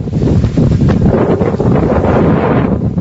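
Strong wind buffets the microphone at sea as the Global Sumud Flotilla sets sail, a loud, steady low roar with rushing, gusty texture. No voices are heard.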